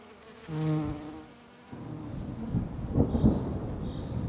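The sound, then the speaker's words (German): Honeybees buzz, a steady droning hum that swells for about a second, then gives way to a lower, rumbling murmur of more bees with faint higher whines. No one speaks. “Genau wie die Honigbienen.”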